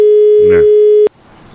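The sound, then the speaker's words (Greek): A steady, mid-pitched telephone busy tone sounds loudly for about a second after a phone call drops, with a brief voice speaking over it, then cuts off abruptly into faint background hiss. “Κόπηκε η γραμμή.”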